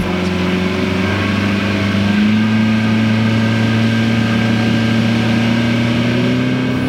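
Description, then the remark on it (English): A motorboat engine drones steadily and loudly, its low hum holding throughout with a slight rise in pitch, with no voices. The boat carries a team of University of Virginia researchers to Myrtle and Smith Islands on the Eastern Shore of Virginia at about 5:30 in the morning, before sunrise, for bird counts. “is driving the boat, and he manages the logistics for these bird counts.”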